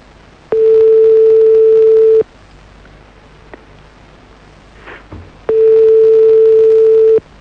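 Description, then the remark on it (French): A phone line rings while a call goes through to call a woman back on her mobile: two long, steady mid-pitched tones, each lasting under two seconds, separated by a quiet pause of about three seconds, with no one talking. “Attends, quitte pas ma puce, on va la rappeler.”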